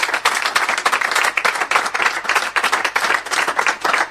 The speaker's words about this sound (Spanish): Ahí está, vamos con el aplauso.